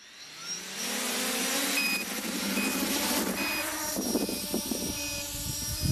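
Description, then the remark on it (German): The rotors of a drone built by a tinkerer from Saienogorsk, being tested by camera operators of the Division der Tapferen team, spin up, their low hum quickly rising into a loud, steady buzzing whine with layered tones, holding strong for several seconds. No one speaks. “Starte die Rotoren.”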